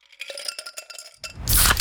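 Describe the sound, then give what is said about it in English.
Pepsi Zero Sugar cola being opened and poured: a series of light metallic clinks and taps, then a sudden loud, bright fizzing hiss that rushes in and holds near the end. “You hear that? That's the sound of Pepsi Zero Sugar.”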